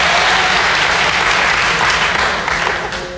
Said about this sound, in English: Quickly, how many non-smokers are here tonight? Non-smokers, by round of applause. Let's hear non-smokers.